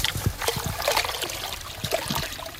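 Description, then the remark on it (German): A bucket of young Westerwald trout is slowly poured into the Seinbach stream near Wölferlingen, Rhineland-Palatinate: a steady trickle broken by several small splashes and gurgles, with no voices. “einen Eimer voller junger Westerwaldforellen ins Wasser zu setzen”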